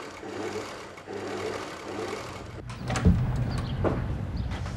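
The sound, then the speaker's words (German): A sewing machine runs steadily with a rapid mechanical whir and rhythmic stitching hum, then a brief knock and clatter partway through as the motor keeps going. “Und seitdem nähe ich nur auf dieser Nähmaschine und sie war bisher noch kein einziges Mal kaputt.”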